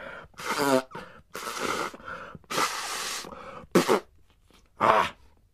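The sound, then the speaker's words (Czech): Loud nose blowing by a kangaroo into a handkerchief, in five forceful, breathy bursts, some with a honking buzz, separated by short pauses, with the last two shorter and sharper. No one speaks. “No, a potom si jeden klokan dokonce vyndal kapesník z kapsy a hlučně se vysmrkal.”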